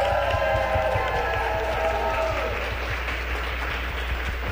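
A crowd applauds steadily for several seconds for the production team of Radio IPN, a dense, sustained wash of many hands clapping at once, loud, with faint voices and cheers mixed into the roar.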